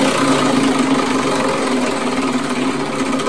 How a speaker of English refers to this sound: It's time once more to spin that wheel. Here we go.